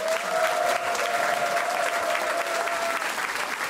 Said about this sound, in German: mit einem warmen, riesengroßen Applaus.